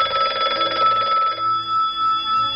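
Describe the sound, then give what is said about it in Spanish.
A telephone bell rings loudly in a rapid metallic trill for over a second, then cuts off, leaving a faint lingering hum; a night-time call on 16 April 1971 that woke Gil Parrondo. No one speaks. “La madrugada del 16 de abril de 1971, una llamada de teléfono despertó a Gil Parrondo en plena noche.”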